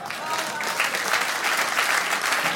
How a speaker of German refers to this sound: Frechheit. Klatschen, danke.